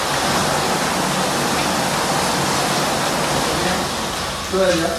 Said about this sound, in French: Rien que cette douche pénétrante avec cette petite dizaine de jets là, qui vous masse le dos pendant 5-10 minutes. Je peux vous dire franchement, mais quelle détente.